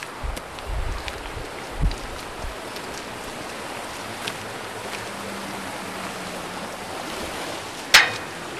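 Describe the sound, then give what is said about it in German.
A steady rush of flowing water from the Xierser Bach (Biddigbach), a mountain stream in the Alpine valley of Xiers, fills the whole recording, with a few soft low knocks early on and one sharp click near the end. “Und wir sind bewusst an den Xierser Bach oder besser gesagt Biddigbach herangetreten, weil er dann in der Geschichte von Xiers ja eine wichtige Rolle spielt.”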